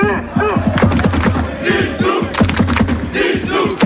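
A dense crowd of fans cheers and shouts continuously at the Federation headquarters in Paris as the new coach, Zidane, greets them, many overlapping voices yelling in loud, rhythmic bursts with no pause in the din.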